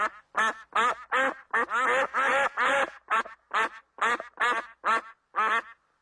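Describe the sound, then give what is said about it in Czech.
A rapid series of about a dozen loud, nasal wild duck quacks in quick succession, clear, with short gaps between calls and no talking. “Takže by to byly divoké kachny.”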